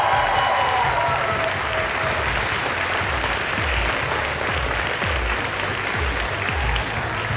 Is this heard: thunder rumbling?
no